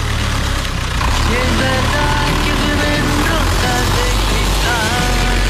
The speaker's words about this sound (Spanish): Arrancamos el tractor Nahuen como nos pide siempre nuestro querido amigo.